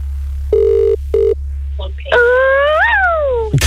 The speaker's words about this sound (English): This is your phone ringing now, please do what you got to do.